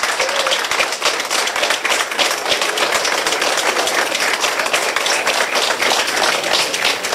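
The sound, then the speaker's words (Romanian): Workers and authorities applaud steadily for several seconds underground in a highway tunnel in Romania, celebrating the breakthrough joining its two galleries; dense overlapping claps form a continuous, fairly loud roar of clapping with no pauses and no one speaking. “Muntele a fost străpuns complet pe o distanță de 2 km, iar momentul a fost sărbătorit cu aplauze în subteran de muncitori și autorități.”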